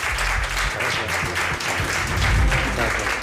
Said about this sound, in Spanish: Aquí le tenemos. Un aplauso para él, un placer tenerte con nosotros.